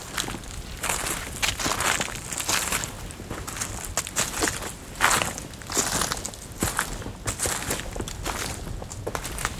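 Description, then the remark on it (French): Steady footsteps crunch through dry leaves, each step a broad crackling rustle repeating at an even walking pace, fairly loud with no voices present. “Le dos crissement des feuilles mortes.”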